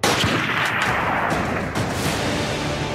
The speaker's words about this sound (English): He was returning home from Gate Hakima Police Station in Amritsar. Then came the gunfire.